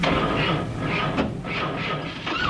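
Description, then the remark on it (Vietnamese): A stalled car engine turns over and starts up again, running with a steady, rumbling mechanical drone, broad and fairly loud throughout, with a couple of brief sharp surges partway through. “Lại nổ máy rồi đây này.”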